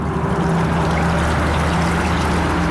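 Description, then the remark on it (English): The river at Aksai rushes in a steady, continuous wash, fairly loud, with a faint low hum beneath it and no voices. “Here by Aksai's river, everything is green.”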